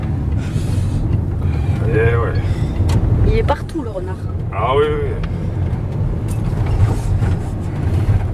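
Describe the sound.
Steady low road rumble inside a moving car fills the background throughout, while people chat casually over the constant drone.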